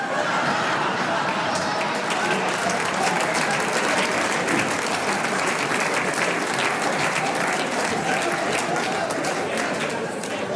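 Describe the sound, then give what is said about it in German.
Steady, dense applause from a sizable audience following a joke, sustained at an even loudness for about ten seconds, with a faint murmur of crowd voices mixed in. “Jetzt haben nur die Raucher klatscht, gell?”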